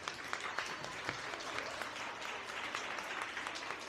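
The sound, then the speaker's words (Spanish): Steady audience applause at the start of an event, greeting the speaker who gives the welcome address. It fills the whole stretch, a dense wash of many hands clapping at a constant level with no break, and a faint hint of voices underneath. “Venga el aplauso, ¿qué pasó?”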